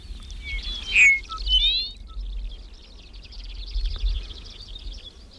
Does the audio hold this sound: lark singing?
yes